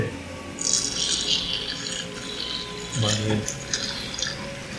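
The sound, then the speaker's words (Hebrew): Warm water drips and trickles in uneven, splashy bursts, moderately loud, as it is poured during heart surgery to warm the patient's heart, with a low voice murmuring briefly in the background partway through. “עוד מים? עוד קצת, כן, בוא נוציא את זה, נחמם קצת את הלב.”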